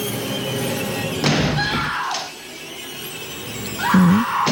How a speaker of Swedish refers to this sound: Här hör vi hur han hugger med yxan i dörren.